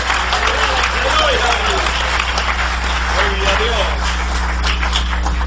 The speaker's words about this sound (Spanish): Dale un aplauso al Cristo de la gloria. Dale ese aplauso al Señor.